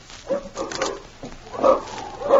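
Dogs bark and yelp in an agitated jumble of irregular bursts in front of a cabin, moderately loud, with no voices over them.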